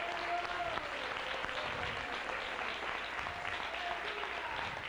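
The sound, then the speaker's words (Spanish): An audience claps steadily for about five seconds, giving applause to the King, a dense, even wash of many hands applauding without pause, with faint scattered voices and a brief high tone rising above the clapping. “A ver, todos, todos los que creen a la palabra, denle ese aplauso.”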